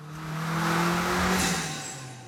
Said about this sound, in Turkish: Birincisi çıkardığı şu salak ses. Vites değiştiğinde çıkıyor. Hızlandığım zaman ayağımı gazdan çekince. Buharlı trenlerin sesine benziyor. Gerçekten öyle. Boşaltma valfi basıncı salıyor.